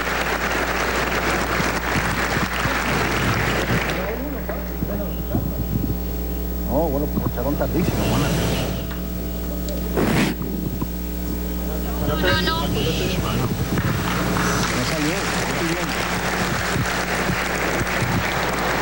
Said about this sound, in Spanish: Lo saludamos y lo recibimos con un aplauso.